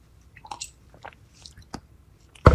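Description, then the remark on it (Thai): Someone drinking water: a few faint, wet mouth clicks and soft swallowing sounds spaced irregularly, with no talking, ending in a sudden louder knock. “เดี๋ยวขอดื่มน้ำแป๊บนึงนะครับ”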